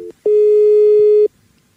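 A steady electronic telephone tone sounds for about a second, bracketed by brief clicks, like a busy signal on a line being dialed. It's loud, with no voices.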